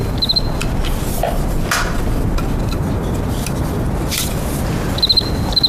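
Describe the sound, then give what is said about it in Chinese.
A cricket gives two short, high, pulsing chirp bursts, one near the start and one near the end, standing out over a steady, hissy background noise. “我就对这感兴趣。 哎，蛐蛐， 哎， 来来来，我看看，我看看。”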